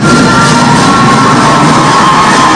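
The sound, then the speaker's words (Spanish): A loud, dense crowd cheers and applauds continuously, a steady roar of clapping and shouting voices with no pauses, as a festival crowd celebrates San Jerónimo, their patron saint, in the streets of Masaya, Nicaragua. “¡Aplauso fuerte a nuestro patrono!”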